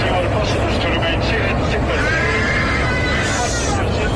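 Panicked passengers scream and cry out together inside a passenger jet's cabin as it plunges two hours into the flight, a faint announcement to fasten seatbelts drowned by their overlapping wails, which rise above a steady, loud roar of engine and wind noise that never lets up.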